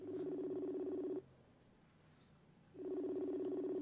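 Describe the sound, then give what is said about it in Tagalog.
Cellphone dialing tones: two long, steady buzzing tone bursts separated by a pause of about a second and a half, clear, with no talking. “Cellphone ko.”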